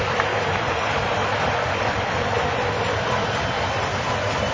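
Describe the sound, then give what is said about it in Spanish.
A stadium crowd applauding the Argentina national team during a match against Cabo Verde keeps up a loud, steady wash of applause and roaring, dense and unbroken for several seconds with no single voice standing out. “No dejen de aplaudir a la selección nacional.”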